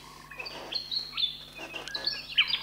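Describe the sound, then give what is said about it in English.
Birds chirp and sing in a busy overlapping chorus, with high whistled notes and quick tweets trilling over one another at moderate volume, with no voices present. “the lovely sounds coming at you. All the animals and birds are our ancestors in their spirit totem form.”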